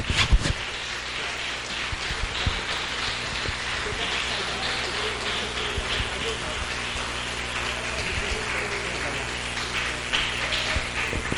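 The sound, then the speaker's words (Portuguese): A church audience claps steadily and loudly for Jesus to welcome a preacher, a dense unbroken wash of hand claps lasting the whole stretch, with a low sustained tone humming underneath. “Ergue as mãos, receba o servo de Deus com palmas forte para Jesus.”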